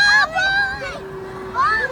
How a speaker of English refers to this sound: Bunch of kids screaming right in front of the crowd,